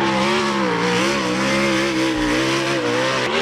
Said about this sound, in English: Now, the main competitors are the sprint cars. They're super loud. This is what they sound like.